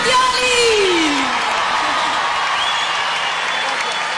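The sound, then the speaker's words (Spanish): A crowd bursts into loud, sustained applause and cheering, with a few whoops and yells rising above the clapping early on before the ovation carries on steadily. “Fuerte el aplauso”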